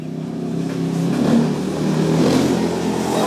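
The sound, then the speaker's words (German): A motorcycle engine revs steadily and pulls away as Givasoa Rakutuarivu rides off after his last patient, heading over unpaved, sandy roads to a settlement on the edge of town. Its droning motor is loud throughout, with a rising pitch as it accelerates. “Nach seinem letzten Patienten steigt Givasoa Rakutuarivu auf sein Motorrad.”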